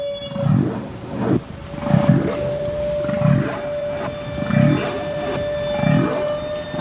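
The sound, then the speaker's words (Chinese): A humpback whale blowing bubbles underwater: a steady series of low, throbbing bursts repeating about once a second, over a constant faint tone and watery background hiss. “科学家们首先分离出了大池鲸吐气泡的声音”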